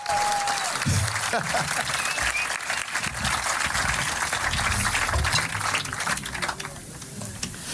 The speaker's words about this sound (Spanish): Una salva de palmas para esta miuda que baila muy bien.